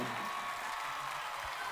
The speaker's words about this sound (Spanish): El aplauso fuerte para Victoria en esta noche.